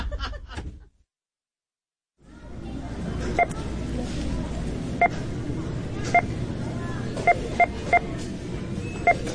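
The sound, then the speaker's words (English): Short electronic beeps, each representing $100,000 of consumer purchases in America, sound about seven times at uneven intervals, some close together, over a steady murmuring background bed, after a brief voice and a moment of silence at the start. “We're representing American consumption as beeps. Whenever you hear one, it means $100,000 of stuff was just bought in America.”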